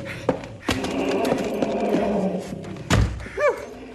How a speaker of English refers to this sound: Here. Oh, I've locked the back door.